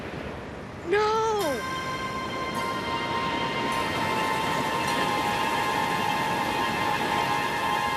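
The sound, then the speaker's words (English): A stormy sea roars steadily with rushing wind and waves throughout, heard aboard a sailing ship in foul weather, while a person shouts briefly near the start and a sustained horn-like tone hangs over the din. “You know that in foul weather, you're supposed to be on lookout in the crow's nest.”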